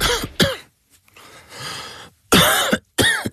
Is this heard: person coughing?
yes